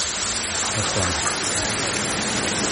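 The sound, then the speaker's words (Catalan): Heavy rain pours down in a steady, dense hiss that stays constant throughout, fairly loud, with a faint, muffled voice briefly audible beneath it, falling outside Catalunya Ràdio's main headquarters on the Diagonal in Barcelona. “a la Diagonal, on hi ha Catalunya Ràdio, la seu principal de Catalunya Ràdio Barcelona, del 3CAT, està plovent. Està plovent amb força, amb molta intensitat”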